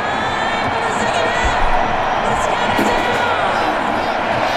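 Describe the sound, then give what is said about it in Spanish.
A large stadium crowd at a football match roars steadily, a dense wash of shouting and cheering that stays loud throughout with a few sharper whoops rising from the mass of voices. The shouts are for the player Hendrick. “Se escuchaba también hace un momento cómo los gritos eran para Hendrick.”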